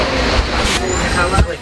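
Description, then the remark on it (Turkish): A city bus on Line 0 in Baden, Switzerland, a line with no fixed route, idles with a steady engine rumble, and a sharp hiss of air brakes releases partway through, fairly loud against the background traffic noise. “İsviçre'nin Baden kentinde otobüs var ama rota yok.”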